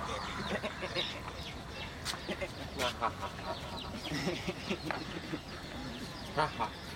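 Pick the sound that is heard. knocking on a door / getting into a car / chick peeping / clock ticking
chick peeping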